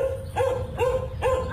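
A dog barks three times in a steady rhythm, each bark sharp and rising, fairly loud over a low rumbling background.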